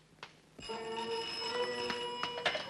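A telephone bell starts ringing after a short pause and keeps going steadily, a bright metallic trill with a few sharper jangles, heard alone at moderate volume.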